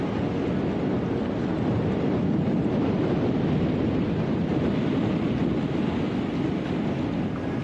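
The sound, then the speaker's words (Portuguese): Strong wind roars steadily with waves washing around a stationary sailboat whose mast has fallen into the water, a loud, unbroken rush of noise buffeting the microphone throughout, with no voices. “Agora, o primeiro passo é esperar o vento acalmar.”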